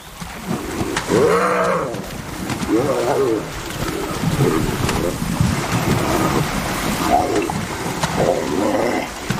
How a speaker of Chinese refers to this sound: 取得胜利的雄性斑鬣狗再度发起进攻。